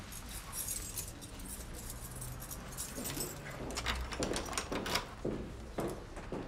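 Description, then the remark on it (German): Keys jangle, then a key scrapes and clicks as it turns in a door lock cylinder to test whether it still works, with a few short metallic clunks toward the end. “Können Sie bitte mal probieren, ob Ihr Schlüssel noch funktioniert?”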